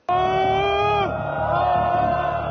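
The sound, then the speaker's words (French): A dense crowd of protesters in Ali Khani square in Isfahan shouts together in one sustained, tonal cry that breaks off after about a second, then a dense roar of many voices keeps going underneath. “Sur cette vidéo, publiée quelques heures avant les exécutions, une foule compacte se révolte sur la place Ali Khani à Isfahan.”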